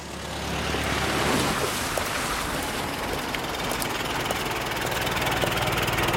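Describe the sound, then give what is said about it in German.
A car engine idles steadily, a continuous low rumble with a faint rhythmic throb and a hissy upper layer, holding an even loudness throughout with no voices. “Steigen Sie ein, sonst fahren wir bis dahin neben Ihnen her.”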